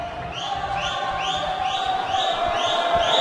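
A large football stadium crowd, Ponte Preta fans raising the volume and América fans booing while the referee checks VAR, in a steady, loud roar that holds for the whole stretch, with a sustained tone and repeated rising whistle-like sweeps riding on top.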